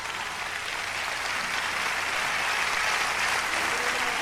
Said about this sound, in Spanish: Dale un aplauso fuerte al Señor ahora.